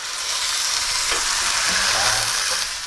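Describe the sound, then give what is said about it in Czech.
A mix of broth and a little water is poured into a hot pan of golden fried onion and chopped garlic, setting off a loud, steady, hissing sizzle that fills the whole clip, with faint low gurgles partway through and no voices. “A teď to zalijeme takový napůl vývar, trošku i vody tam dám.”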